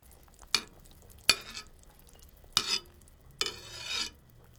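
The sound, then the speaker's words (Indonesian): A ladle skims the risen fat off the surface of a pot of chicken broth simmering on low heat after boiling, in four short, splashy scraping strokes, moderately loud, with a quiet background hiss between them and no talking. “Kalau air sudah mendidih, kecilkan api dan buang lemak yang naik ke permukaan.”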